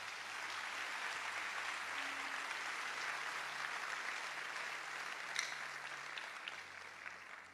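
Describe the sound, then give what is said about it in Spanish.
A crowd applauds for God, clapping steadily for several seconds, a dense, sustained patter of many hands at moderate volume with no voices standing out, swelling slightly before easing at the end. “Dale un aplauso a Dios.”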